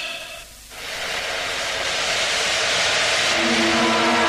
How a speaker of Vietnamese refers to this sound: Tới đây đã cùng đường rồi, bốn bề đều lửa cháy, chỉ có một lối nhỏ phía kia.